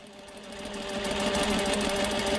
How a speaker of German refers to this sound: Frauen in hellrosa Kitteln und grünen Hauben beugen sich über ihre Stoffstücke. Ihre klobigen industriellen Nähmaschinen rattern in diesem Arbeitsraum im Frauengefängnis von Tochigi.